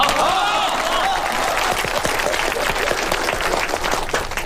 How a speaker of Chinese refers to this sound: 今天是个好日子，我们中华钨矿公司正式成立了。下面让我们用热烈的掌声欢迎总经理